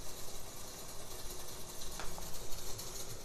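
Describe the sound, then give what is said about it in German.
A dense, continuous carpet of small mechanical clicks and clatters from accordion key flaps worked by both hands, busy and rattling like a machine, with no voices. “Das ist jetzt hier dieser Tastenklapperteppich, ein Tutti-Tastenklapperteppich der linken und rechten Hand.”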